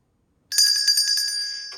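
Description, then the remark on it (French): A small door bell rings with a rapid, jangling trill of bright, high metallic tones, loud and steady for about a second, ending with one last quick jingle. No one speaks. “Est-ce que j'ai entendu quelqu'un devant la porte qui a sonné la clochette ?”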